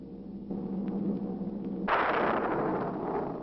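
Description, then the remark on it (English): A deep rumble builds, then a sudden loud thunderclap with a flash of lightning near a cemetery bursts in and rolls on as a broad, roaring crash that sustains without fading. No one speaks. “Residents near the cemetery paid little attention to the blast of thunder and the flash of lightning.”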